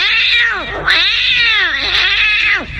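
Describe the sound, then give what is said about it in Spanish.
A cat caterwauls in loud, drawn-out yowls, three long wavering wails with brief breaks between them and no talking. “Grande la banda del gato, aunque el gato está abandonado, está solito, y la banda del gato lo han abandonado.”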